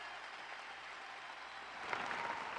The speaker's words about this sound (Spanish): ¿Puede dar un aplauso fuerte?